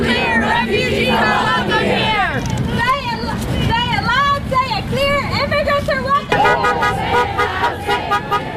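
Several passing cars honk in quick, overlapping toots in support of a march for immigrants on East Washington Avenue in Madison, amid loud street noise and a murmuring, chanting crowd, the horns insistent.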